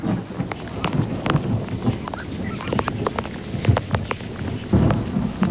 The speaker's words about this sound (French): Oh, la pluie, il ne manquait plus que ça.